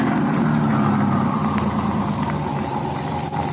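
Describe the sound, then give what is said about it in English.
A car engine left running idles steadily after the car has been turned around and stopped at a wide spot, a continuous low rumbling drone that holds an even level throughout, with no voices. “Just leave the engine running and both of you get out the right-hand door.”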